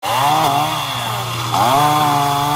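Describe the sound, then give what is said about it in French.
A chainsaw roars steadily, its engine pitch dipping under load and revving back up as it bites through wood, with no one talking. Residents in Florida are using chainsaws to clear trees that fell across the road after Hurricane Isaias. “À coups de tronçonneuses, les habitants dégagent les arbres tombés sur la route.”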